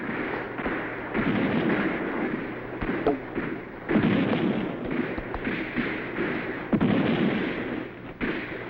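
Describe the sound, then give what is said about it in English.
Heavy fire from a cannon on a hill booms repeatedly through a continuous roar of battle, several loud blasts landing every second or so amid crackling gunfire, with no clear speech. “We've got to silence that cannon on the hill.”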